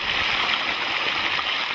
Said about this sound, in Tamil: இப்பதான் தண்ணி ஓட்டமா ஓடுது.